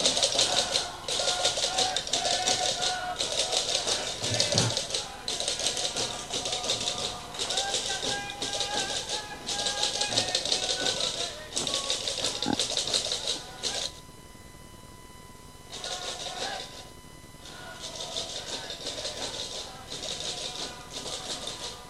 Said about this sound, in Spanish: Chácara y tambores de La Gomera entran bailando y tocando chácara y tambores. Creo que lo oyen de fondo.